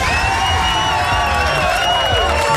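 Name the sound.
crowd cheering and applause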